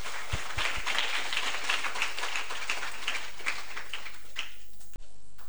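A group of students applauding at a road traffic safety talk, a dense patter of many hands clapping at once for about four seconds, fading out before a sharp thump near the end.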